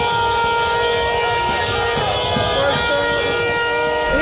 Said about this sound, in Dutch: Lekker toeteren allemaal, joh.